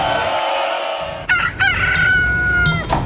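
A rooster crows loudly, one long strained cock-a-doodle-doo with sharp breaks between its notes, heard on its own without any talking.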